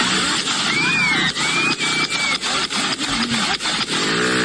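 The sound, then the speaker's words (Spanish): A rapid series of about ten sharp gunshot cracks, from a shooting in which a 22-year-old man was killed, evenly spaced a fraction of a second apart, over a noisy, hissy background with faint high whining tones and no clear speech. “Como 10 tiros son.”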